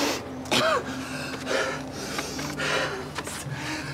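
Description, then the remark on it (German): Harsh, irregular coughing fits with strained, gasping breaths between them from someone having an asthma attack without their inhaler spray; a brief wheezy whistle rises and falls early on, and no one speaks. “Ich hab einen Asthmaanfall.”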